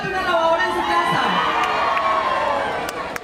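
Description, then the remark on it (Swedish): A large crowd at an outdoor lottery event at a solar park, waving paper fans printed with 'Colombia Solar' while awaiting a draw for a washing machine and a refrigerator, cheers and shouts continuously. Many overlapping voices, including high-pitched children's cries, form a loud, steady wall of excited noise throughout. “Publiken fäktar sig med pappsolfjädrar med texten Colombia Solar och väntar på det som de lockats hit för.”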